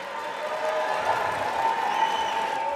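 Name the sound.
cheering and applause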